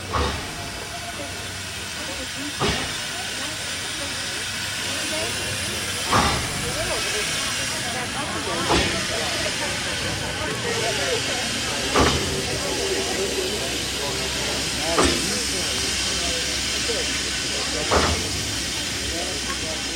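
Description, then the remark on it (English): An old steam train on the Durango-to-Silverton line in Colorado hisses steadily, a loud, continuous rush of steam, with sharp bursts or chuffs punctuating it every few seconds. “The idea was to take at Durango, Colorado, the old train to Silverton.”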